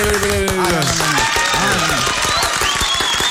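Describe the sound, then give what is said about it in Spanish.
Steady applause from a group welcoming two new Kellogg's Corn Flakes packs, 25 grams and 80 grams, many sharp claps running throughout the few seconds, with several voices shouting and talking loudly over it. “Ya aplaudimos.”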